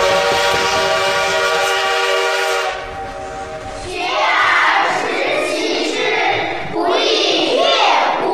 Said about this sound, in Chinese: 火车来了，这是杭州到嘉兴铁路开通的第一天。此刻，不知蒸汽机车的轰鸣给这个男孩带来了多大的震撼。